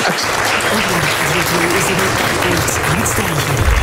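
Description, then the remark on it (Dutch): Loud, sustained applause from a large crowd for a demonstration with a beer coaster, a dense wash of clapping that holds steady throughout, with a faint voice murmuring underneath. “Het verdient nogmaals een daverend applaus.”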